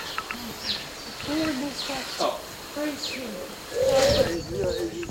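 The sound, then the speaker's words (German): Several birds call around a bird feeder and bird house on outdoor grounds, with soft repeated cooing and scattered high chirps and tweets overlapping over a few seconds, set against a steady outdoor background. “Hier sind wir in Gelände und da sieht man ein Vogelhäuschen und da ein Vogelhaus, wo man Vögel auch drinnen beobachten können, wenn sie Futtersuche sind.”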